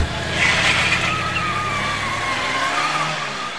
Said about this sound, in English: Who is that driving like this time of night? Oh, it's that black car pulling out of the driveway.